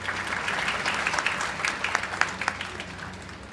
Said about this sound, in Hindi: तालियां बजती रहें।